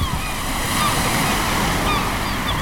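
Ocean waves break on a beach in a loud, continuous roar of surf, with the wash filling the whole stretch and faint high calls drifting above it.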